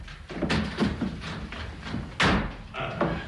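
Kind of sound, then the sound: household object, door being opened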